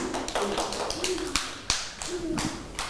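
A group of children clap their hands at the teacher's request in a loose, uneven patter of light claps lasting a few seconds, with faint young voices murmuring underneath.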